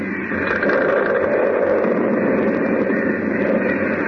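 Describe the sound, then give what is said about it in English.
A building, Harris Hall, collapsing into a hole: a steady, dense roar of rushing, crumbling noise that holds at a constant loud level for about four seconds, with no voices over it. “Harris Hall caved right in the hole.”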